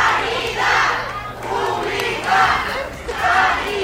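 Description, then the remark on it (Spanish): A large crowd of workers at Hospital Ramón y Cajal in Madrid chants "Sanidad Pública" in unison as president Isabel Díaz Ayuso arrives, repeating it in a steady rhythm about once a second, loud and insistent, with shouting voices blending into a roaring protest chant. “A su llegada al centro esta mañana visitaba el nuevo servicio de cardiología Madrid 365 y así lo escuchan al grito de Sanidad Pública la han recibido.”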